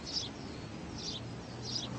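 sparrows chirping on branches

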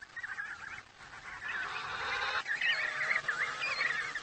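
emperor penguin colony calling

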